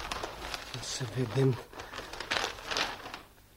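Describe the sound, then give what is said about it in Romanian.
Crisp rustling and crinkling of newspaper pages being unfolded, a few seconds of uneven paper handling, with a brief murmur of voice in the middle. “Și totuși e adevărat. A sosit ziarul.”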